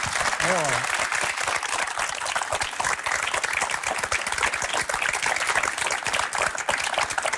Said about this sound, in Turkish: Mesela buradaki bu alkışlar, bu takdir çok güzel ama esas alkış nereden geliyor biliyor musunuz? Hayattan geliyor.